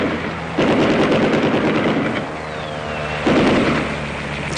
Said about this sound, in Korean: 아침부터 저녁까지 적기 수십 대가 날아다녔다. 비행기는 나무 끝을 설칠 듯이 득이 양양하게 날면서 폭격과 사격을 퍼부었다.